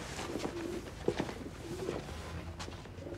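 pigeon cooing

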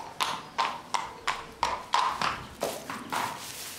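horse hooves clip-clopping

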